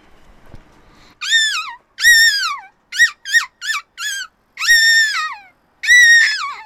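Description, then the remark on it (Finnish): A child's voice imitates a seagull, letting out about eight loud, high squealing cries: two long wails, a quick run of short yelps, then two more drawn-out calls. No talking. “haluaisitko sä esittää meille sun lokkiäänen nyt tähän lopuksi vielä?”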